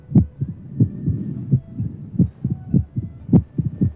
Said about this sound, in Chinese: 就是这样一种声音伴随着我们的一生，这强劲有力的心跳声说明心脏在健康地为我们工作着。